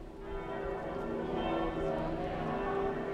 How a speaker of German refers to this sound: Ja, es ist natürlich Gänsehaut jetzt hier mit dem Glockengeläut und der Gesang.